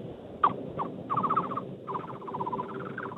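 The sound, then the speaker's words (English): A person mimics a thrush-like birdsong, with a quick chirp and then several bursts of rapid, warbling trilled notes, clear with no talking. “It could be like a thrush, if I had to guess.”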